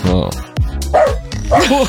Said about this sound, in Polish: Cicho tam pod stołem, proszę tego psa o spokój.